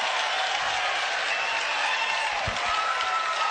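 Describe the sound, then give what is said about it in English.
Steady, dense crowd applause at a baseball game between Alabama and Carolina in the fifth inning, as a Carolina fan makes a play on a foul ball, fills the whole stretch, a broad wash of clapping with a few cheers mixed in, holding at an even, fairly loud level throughout. “Got a big round of applause.”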